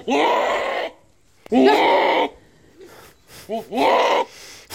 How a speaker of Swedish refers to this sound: Den heter då Damaskusget.